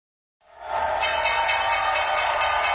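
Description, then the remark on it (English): The New York Stock Exchange opening bell at 11 Wall Street, Lower Manhattan, at 9:30 in the morning on March 2, 2026, starts after a brief silence and rings continuously, a loud, steady electric clanging that holds at full strength to the end, with no voices. “The opening bell at the New York Stock Exchange.”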